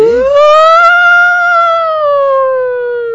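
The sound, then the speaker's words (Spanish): A loud Red Cross ambulance siren wails in a single sustained sweep, climbing briefly then slowly sliding down in pitch, heard clearly on its own with no talking. “No, esa es de ambulancia.”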